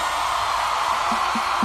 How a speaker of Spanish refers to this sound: El aplauso es para ellos, señoras y señores. Un aplauso para mis amigos